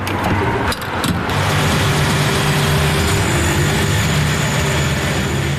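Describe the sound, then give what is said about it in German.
A car engine idles with a low, even rumble, with a few brief clunks near the start and faint background traffic noise, while the car is refuelled at a small attended gas station with five pumps and a kiosk on the main road in Aarau-Rohr, Switzerland. “Es ist eine kleine Tankstelle mit 5 Zapfsäulen und einem Kiosk, gerade an der Hauptstrasse.”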